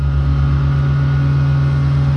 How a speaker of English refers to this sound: That's some of the noise that has been greeting people on Holloway Road as Wellington Water wades into up to 22 nights of wastewater pipe work this month. Residents have been told the noisiest tasks are to be finished ahead of 11 o'clock each night.